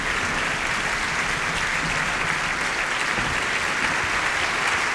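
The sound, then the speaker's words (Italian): Steady, sustained applause from a large opera audience welcoming the return of conductor maestro Quatrini as he greets the orchestra and bows, at a performance of Macbeth; a dense wash of clapping hands at an even loudness throughout, with no voices standing out. “A questo punto il pubblico, immagino lo sentirete, è molto felice di accogliere il rientro del direttore.”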